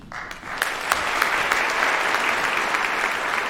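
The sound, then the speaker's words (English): A large concert audience applauds steadily at the conclusion of a movement during a performance of Handel's oratorio Israel and Egypt, a dense wash of clapping that swells in quickly and holds at full strength throughout, with a few sharper individual claps standing out. “You're part of this this experience where the exciting conclusion of a movement moves you, go ahead and applaud.”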